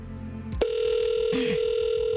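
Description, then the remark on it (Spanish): A phone line's ringing tone on a call being placed to a town councillor begins after a short click and holds one steady, mid-pitched electronic buzz, with a brief noisy rustle partway through and no one speaking. “Ya me dio miedo nomás con el timbre.”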